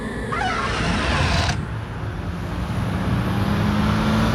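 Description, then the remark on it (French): Steady street traffic ambience out in the middle of a street, with a continuous low engine rumble and road noise; a brief hissing whoosh of a passing vehicle fades out early on, leaving a dense urban drone. “Pour bien saisir ce drôle de phénomène SOSO, je te propose que l'on se pose ici. Oui, oui, là, en pleine rue.”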